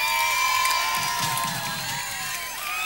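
A crowd applauds and cheers loudly, with sustained clapping layered under high whoops and shouts that keep a steady, dense roar throughout.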